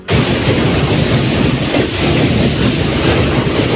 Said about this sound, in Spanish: Estás escuchando tormentas que han obligado a los bomberos a atender 270 avisos por incidencias causadas por la lluvia.